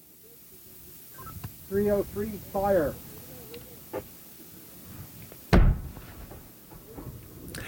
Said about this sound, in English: Every radio show should start this way. That is the firing of the noonday gun on Signal Hill, though today it's actually the 5 after noonday gun